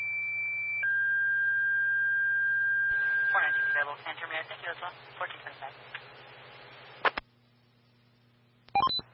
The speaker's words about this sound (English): Engine 131, engine 133. Stand by for tones on a smoke investigation.